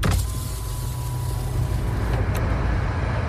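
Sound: car driving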